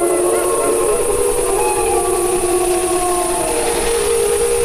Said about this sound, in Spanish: No, se oyen varios. Sí, claro, las manadas, los lobos, bueno, ya hablaremos de eso más adelante, pero los lobos, sí, aullan entre ellos, ¿no?